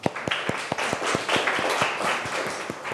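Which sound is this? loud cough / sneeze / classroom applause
classroom applause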